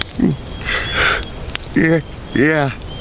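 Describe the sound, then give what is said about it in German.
A campfire crackles with scattered sharp pops and a soft hiss, while voices make short sounds over it in the foreground. “Hier am Feuer ist es so schön warm.”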